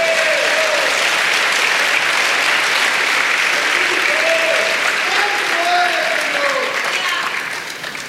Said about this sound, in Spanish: Aleluya, dele palmas al Señor.